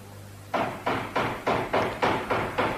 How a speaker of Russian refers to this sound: Ай, кого-то черти принесли. Кто там? Кто стучит?